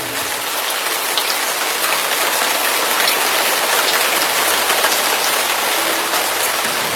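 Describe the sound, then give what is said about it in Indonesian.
Heavy rain pours down steadily, a dense, continuous hiss of countless drops drumming on surfaces, loud and unbroken for the whole stretch with no voices. “Tiba-tiba waktu warga desa pesta, terus mereka mabuk dengan arak, turun hujan deras.”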